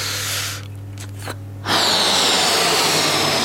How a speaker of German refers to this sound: Ich puste Luft in den Ballon, immer mehr und mehr und noch mehr Luft.